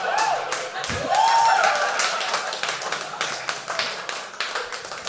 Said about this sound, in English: That honestly might be the first applause break I've gotten for dry pussy, but I'll take it.